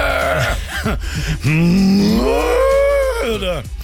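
A drawn-out, moaning moo, loud, rising and falling in pitch over a couple of seconds; it sounds like a person's voice imitating a cow, preceded by brief vocal sounds.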